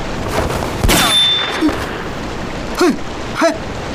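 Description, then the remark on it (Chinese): A loud gunshot booms in a small room, followed by three sharp metallic impacts with brief whining ricochet sweeps spaced about a second apart, and no voices. “开枪之前也不通知一声，这么小的空间弹头乱飞会伤到人的。”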